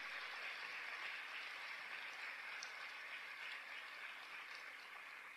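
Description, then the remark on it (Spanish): Sustained applause to God from a large gathered crowd after a Bible reading, a dense wash of many hands clapping steadily for several seconds, fairly loud, with no voices standing out. “Fuerte el aplauso a Dios nuestro Padre, tan hermoso, tan grande.”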